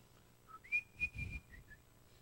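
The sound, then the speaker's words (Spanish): A cheerful song is whistled, a short tune of several clear notes rising and falling, held briefly then clipped, with a breathy puff partway through and no talking. “Y venía del colegio silbando alegre una canción.”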